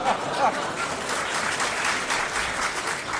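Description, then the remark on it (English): A live audience breaks into steady, sustained applause with a few bursts of laughter near the start, the clapping even for a few seconds. “If you laugh and applaud, it means you're terribly old and we have to go terribly slowly for that.”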